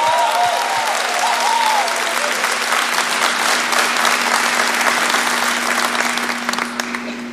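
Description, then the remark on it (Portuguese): An audience breaks into sustained, dense applause, many hands clapping steadily and loudly with a few scattered cheers, holding strong throughout before thinning slightly at the end. “Pode aplaudir, ela é a mãe de tudo.”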